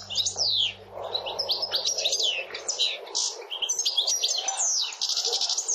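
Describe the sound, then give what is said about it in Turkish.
A recording of a European goldfinch (saka), played for comparison, sings a fast, tinkling stream of high chirps, twitters and buzzy trills, continuous and lively for several seconds with no voices present. “Şu anda sakayı dinletiyorum, benzetme açısından.”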